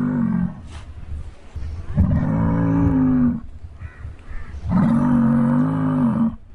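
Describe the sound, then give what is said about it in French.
An ox grunts and snorts as it paws the ground, raising dust, giving three drawn-out, low, rumbling bellows separated by short breathy pauses, loud and alone with no talking. “Ce bœuf, comme s'il lisait dans nos pensées, a gratté le sol, soulevant la poussière et a attendu l'adversaire de notre côté, de la limite, avec des grognements et des soufflements.”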